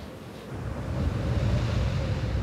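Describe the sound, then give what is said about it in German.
The Bura, a cold katabatic wind arising in the Velebit, roars steadily over land and sea with heavy low rumbling gusts, loud, building slightly after the first half second and holding without any voices; it reaches speeds of over 200 km/h. “Die Bura, ein kalter Fallwind, kommt plötzlich, pfeift über Land und Meer und erreicht Geschwindigkeiten von über 200 Kilometern pro Stunde.”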